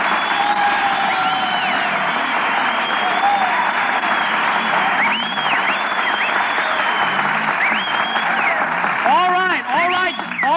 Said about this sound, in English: Stop applauding. Who's applauding? I'm just fanning myself to keep cool.